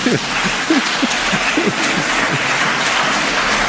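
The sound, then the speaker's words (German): An audience applauds itself with steady, dense clapping that fills the space, moderately loud and continuous, with a few faint voices murmuring underneath. “Macht mal euch selber einen Applaus.”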